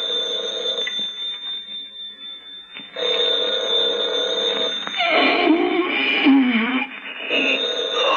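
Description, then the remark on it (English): A telephone rings loudly, a sustained electronic ring that pauses briefly before starting again, with warbling, wavering tones later in the ring and no voices. “Arise, Markheim, and do answer the phone.”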